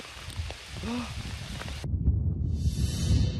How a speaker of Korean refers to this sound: 우와, 지금 이제 우박이 떨어집니다. 이거 우박이에요, 우박.